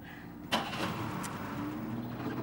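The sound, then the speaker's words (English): A car engine is left running in the open to warm up, idling steadily with a low, continuous rumble, after a brief sharp click or knock near the start. No voices are heard. “I'm letting the engine run. I'm getting it warmed up.”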